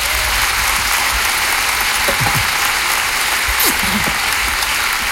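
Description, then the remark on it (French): A crowd in the hall breaks into steady applause for the performer's stage director, a dense, continuous wash of clapping that stays loud and even throughout, with a few faint voices surfacing briefly underneath. “Il est dans la salle ce soir, on peut l'applaudir.”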